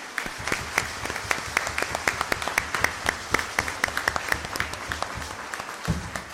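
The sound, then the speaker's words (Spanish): A crowd applauds steadily at a church gathering, thanking a group for their joy and testimony, many hands clapping in a dense, continuous patter with sharp individual claps standing out, holding an even moderate level throughout with no voices over it. “Démosle nuevamente un fuerte aplauso.”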